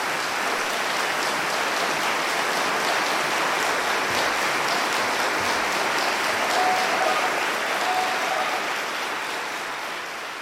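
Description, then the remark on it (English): A large audience at a live concert recording claps steadily for about ten seconds after a performance of Shostakovich's Piano Trio No. 2 in E minor, a dense, even wash of many hands that stays loud throughout, with a few faint whistles, then eases slightly at the end. “Well, it's a live recording and I was expecting to hear applause. Oh, here it comes.”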